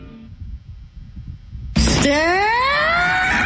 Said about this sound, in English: All right. I mean, there you go. That's what Tigers fans want. They want him. They want him. I like that scream, though. I think I might try to do that in the streets and see how people respond.